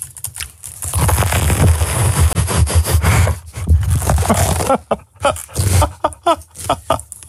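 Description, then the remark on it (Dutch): Wet, crunchy chewing of a cheese sandwich roll eaten during a show with the microphone left on. The chewing repeats in an irregular rhythm, loud, with smacking and rustling between bites and some breathy noises, no clear speech over it. “Jij houdt er dan ook enorm van om zo'n broodje te eten tijdens de show. Maar dat klinkt dan zo hard, want dan zet je je microfoon dus niet uit.”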